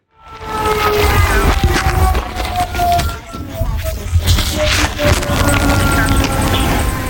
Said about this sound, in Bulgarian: Около 12 по обед на авиобазата се чуват сирени, които продължават секунди. Няма раздвижване по земя и въздух.